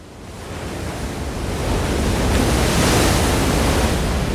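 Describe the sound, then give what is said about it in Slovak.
A big ocean wave surges in during a sudden high tide and breaks against the rocks in front of a cave with a loud, rushing roar that swells over a few seconds and holds. A dense wash of churning water spills over a narrow path, with no voices. “Zrazu sa ozval mohutný hukot. Jedna z vln narazila do skál pred jaskyňou a voda sa rozliala po úzkom chodníku, ktorý viedol von.”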